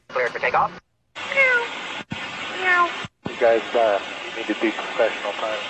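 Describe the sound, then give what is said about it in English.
Pilots imitate cat meows over a crackly, band-limited radio channel, several drawn-out mewing calls in short bursts separated by abrupt squelch cutoffs and brief silences, with a steady hiss underneath. “The meowing pilots. Here they are.”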